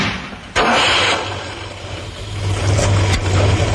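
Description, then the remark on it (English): A Ford Capri's engine runs with a steady, deep rumble and breathy hiss, cutting in abruptly after a brief lull and swelling slightly louder toward the end, unaccompanied by voices. “With a choice of engines, including a new 3-litre V6.”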